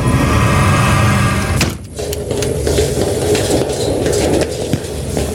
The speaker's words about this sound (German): Dann können wir jetzt die Klappe zumachen. Dann scheint das Licht auch nicht raus.